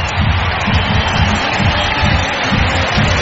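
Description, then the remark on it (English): A loud, sustained roar of a baseball stadium crowd in Milwaukee cheering Christian Yelich's stand-up double in the bottom of the ninth, a dense wall of voices with rolling swells throughout and no individual words standing out. “And that will get the crowd to its feet and activated here in Milwaukee.”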